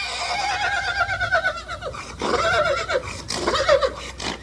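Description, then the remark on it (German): A horse neighs loudly several times at a horse race in Meierfeld, its whinnies rising and falling in shrill, wavering bursts over a steady outdoor background hum. “Es ist ein Spektakel gsi, die Pferderinnen in Meierfeld.”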